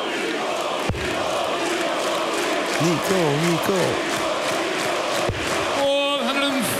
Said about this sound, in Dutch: Tot grote vreugde van het publiek hier in Kiel. Je ziet dat wel, het werkt. Het publiek gaat achter hem staan. Begint hem toe te juichen en te bezingen.